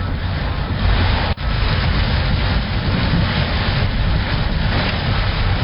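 Heavy rain roars in a dense, unbroken wash of noise with a deep low rumble, heard from inside a car with its wipers at full speed in the Rama 3 area, and one brief knock partway through. No one speaks.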